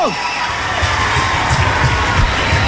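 An audience applauds and cheers in a dense, steady roar for a few seconds, with shouts and whoops rising over the clapping and a quick falling whistle right at the start.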